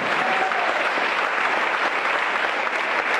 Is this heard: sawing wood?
no